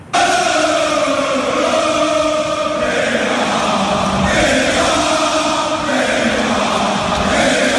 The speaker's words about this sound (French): Il a repris l'entraînement collectif aujourd'hui. Il a été fêté par ses coéquipiers qui l'ont applaudi, l'ont pris dans les bras comme s'il revenait de 6 mois d'expédition au pôle Nord.